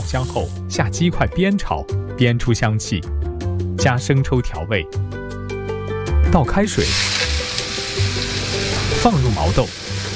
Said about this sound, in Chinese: 接下来，鸡腿去皮切块，热锅少油，葱姜蒜爆香后，下鸡块煸炒，煸出香气